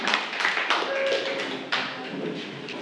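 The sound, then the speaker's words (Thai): Students in a maths lesson applaud the second group, a dense, steady patter of many overlapping claps that keeps going at an even loudness for a few seconds. “ขอบคุณมากค่ะปรบมือให้กับกลุ่มที่2ของเราค่ะขอบคุณค่ะ”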